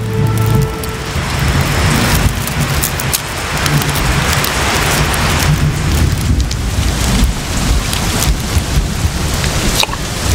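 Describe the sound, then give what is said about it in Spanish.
Steady, heavy rain pours down in a dense, continuous hiss, with a low rumbling undertone throughout and no voices. “Huecos creados y rellenados con agua provocan más evaporación y, por tanto, más precipitaciones.”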